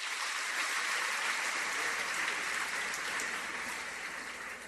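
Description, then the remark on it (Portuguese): A crowd applauds steadily, a dense, continuous patter of many hands clapping at even loudness throughout, with no voices rising above it. “A todos também a nossa gratidão e as nossas palmas.”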